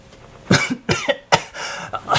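A person coughs repeatedly from dust stirred up after falling backwards, four or five harsh bursts in quick succession with short raspy gaps between them. No speech.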